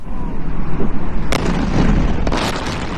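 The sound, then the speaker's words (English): Two sharp explosions burst out about a second apart over a steady low rumble, followed by a rolling, echoing boom that lingers afterward, in an Iranian port city during U.S. military strikes on Iran. No one speaks. “That is video shared on social media, which appears to show explosions in an Iranian port city.”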